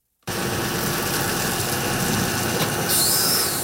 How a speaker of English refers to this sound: The Israeli-Gaza border last week. Heavy trucks hauling supplies and military equipment into a large area closed off by barbed wire.